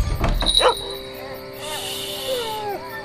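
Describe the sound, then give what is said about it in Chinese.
A dog gives a quick cluster of sharp barks at night, then trails off into thin, wavering whines over a quiet background. “吵死了。 谁呀？ 还让不让人睡觉了？ 谁家的狗啊？大晚上。”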